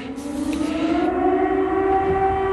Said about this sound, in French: Alors que les sirènes résonnent sur la ville, la cour de l'école, le terrain de basket, tout est vide.